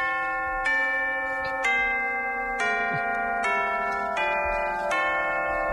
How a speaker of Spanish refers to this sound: ¡Pase usted! Suena timbre, sí.